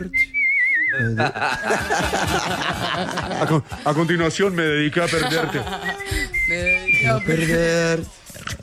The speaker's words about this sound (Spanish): No, va a cantar el himno de México. Va a silbar.